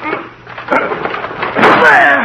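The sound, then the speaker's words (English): A locked wooden door is forced in by two people shouldering it: a heavy thud, then a louder splintering crash about a second later, trailing into a high, grinding creak of wood giving way. “Well, we've got to break the door down.”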